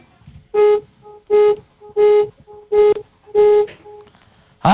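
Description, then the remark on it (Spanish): Five evenly spaced medium car horn honks, given on request by a caller, a taxi driver in Mexico City, to win a contest. Each lasts about half a second, with a bright, buzzy tone and quieter short beeps in between, ending with a sudden loud burst. “Nada más para ganar, requiero que me regales 5 bocinazos medianitos.”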